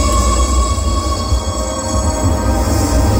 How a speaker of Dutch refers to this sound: ik heb altijd gedacht dat geluid was van de metro in Parijs.